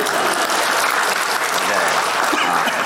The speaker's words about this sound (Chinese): 可以鼓掌了，谢谢大伙。